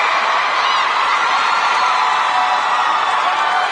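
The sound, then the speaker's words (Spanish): Dense, steady applause from a large crowd, loud, with scattered cheers and whoops mixed in throughout, no voices speaking. “un aplauso, por favor. Venga, fuerte.”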